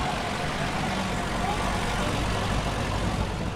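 An old, bright yellow Alfa Romeo Zagato car engine idles steadily on the market square in Aachen, a continuous low rumble with a broad, airy hiss over it, holding an even loudness throughout without revs or pauses.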